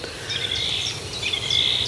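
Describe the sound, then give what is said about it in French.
A thrush sings in short, clear whistled phrases over a steady outdoor hiss with no voices present. “Cette grive, là, qui... qu'on n'a pas vu”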